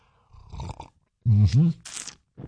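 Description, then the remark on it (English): A short, airy slurp of a hot cup of coffee on a 57-degree morning comes between low vocal sounds, including a loud, drawn-out satisfied groan, with a brief hissing burst of noise after it. “Good hot cup of coffee here on a 57-degree morning.”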